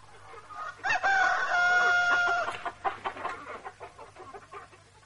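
A rooster crows once, loud, a long harmonic call lasting about a second and a half, followed by softer clucking and farmyard rustling with a low steady hum underneath.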